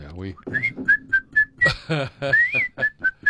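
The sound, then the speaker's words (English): Someone whistles a bright, well-known tune in a series of short, bouncy notes, clear, while voices talk underneath at moments. “One of the most famous whistle songs.”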